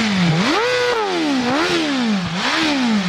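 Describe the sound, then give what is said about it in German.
A four-cylinder motorcycle engine of nearly 215 hp, with a top speed of about 318 km/h, revs hard, its loud, buzzy whine climbing and falling in pitch about three times in quick succession, with no voices over it. “Vierzylinder. Mit wie viel PS? 215 knapp.”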